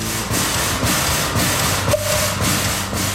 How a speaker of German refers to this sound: Dampflokinnen haben Tram durch die Gassen gezogen. Heute fährt noch ein einziges von dieser Art rum und das überkommt jetzt einen Ritterschlag.